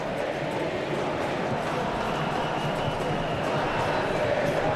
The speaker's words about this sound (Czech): Slyšíte, jaký ohlas to vzbudilo, píská se na Riedra